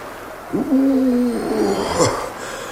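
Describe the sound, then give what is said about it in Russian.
A lighthouse foghorn hoots during a force-11 storm: a low, steady, hollow tone that holds for under a second, followed by a shorter, wavering second blast against a faint rushing background. “Маяк гудит, как пустая бутылка.”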